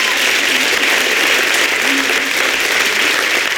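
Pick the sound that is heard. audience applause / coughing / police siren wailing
audience applause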